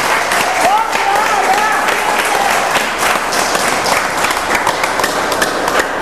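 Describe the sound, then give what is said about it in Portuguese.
An audience bursts into sustained, loud applause for the Lord, dense clapping filling the whole span, with a few voices calling out faintly beneath it. “Oh, glórias e glórias a Deus, aplaudam ao Senhor, meus irmãos.”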